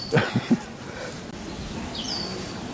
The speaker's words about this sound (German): hört ein lautes Fiepen. Spannend. Ein exotischer Vogel. Faszinierend.